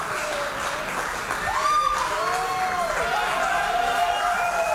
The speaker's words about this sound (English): Of cheers as they come into the rooms.